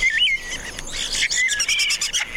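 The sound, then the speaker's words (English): A starling sings a busy, varied stream of high chirps, whistles and rapid clicking trills, mimicking other birds' calls in quick succession with no pauses and no voices. “Starlings, for instance, also mimic other birds.”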